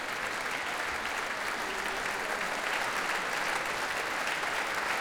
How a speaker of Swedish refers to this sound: Och nu kommer George Benjamin ut på scenen och ansluter sig till applåderna också till violinisten här. Och nu får han själv komma fram på scenen och fortsätta ta emot tacket från publiken.